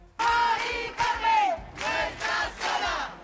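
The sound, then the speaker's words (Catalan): A crowd of voices chants together in loud, rhythmic bursts, with several shouted phrases rising and falling in unison, like protesters calling out slogans. “Això quan ahir 2.500 persones, segons el Sindicat de Llogateres de Mallorca, 550, segons la Policia Nacional, es varen concentrar a Cort.”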